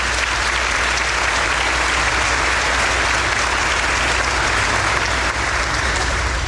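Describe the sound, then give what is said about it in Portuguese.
Steady, dense applause from an audience at Mass in a sanctuary, given in thanks to the friars, a continuous wash of many hands clapping at even loudness for several seconds with no voices above it. “Uma salva de palmas a eles também.”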